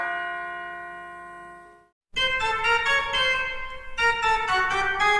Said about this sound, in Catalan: i llavors és molt bonic veure al final dels concerts doncs, com la gent surt amb una cara de dir és veritat el que he escoltat, és veritat, són campanes, i, doncs sí, és veritat, és així.